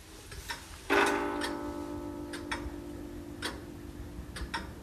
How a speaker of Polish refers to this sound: Tutaj słyszę jeszcze tykanie zegara, możemy podejść.